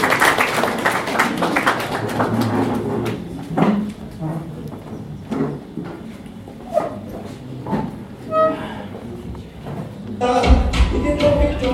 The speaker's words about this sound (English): Please, may we clap for her, she comes to you.